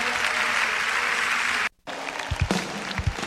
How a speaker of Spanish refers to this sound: denle el mejor de los aplausos. Él está en este lugar. Aleluya.